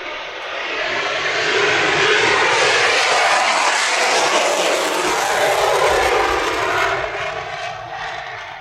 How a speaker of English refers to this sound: F-22 on the way out, and out we have another.